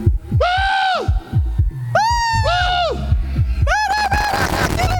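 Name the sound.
woman screaming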